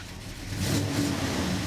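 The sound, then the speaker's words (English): Vintage car engines rumble and rev at a classic car show in Oskaloosa, southeastern Iowa, the throaty roar swelling louder partway through and holding steady, with no voices over it. “That's the distinctive sound of vintage engines at the Oskaloosa Classic Car Show in southeastern Iowa.”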